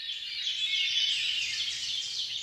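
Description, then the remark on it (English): A dense, continuous chorus of high-pitched bird chatter and trills, steady and fairly soft throughout, with many overlapping calls blending into one shimmering wash and no voices. “One study has shown that people reported relief from feelings of worry and paranoia after hearing just a few minutes of birdsong.”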